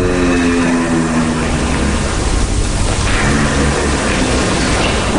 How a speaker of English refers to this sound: But then researchers at the University of Vienna discovered this. A low vocal sound that they call a hum. They believe giraffes use this hum to communicate.